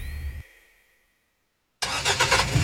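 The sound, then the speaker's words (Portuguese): A car engine rumbles briefly and fades to silence, then bursts back loud, roaring with pulsing revs as it starts and accelerates. “Acelera, paizão. O Dia dos Pais está chegando e o motor do seu melhor companheiro de estradas precisa estar voando.”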